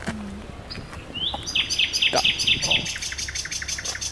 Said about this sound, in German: Und auf der anderen Seite haben wir hier zur Brücke hin jetzt ganz, ganz viel dichtes Gebüsch und prompt singt auch gleich eine Nachtigall hier in dem Gebüsch. Hat eine schöne Stimme.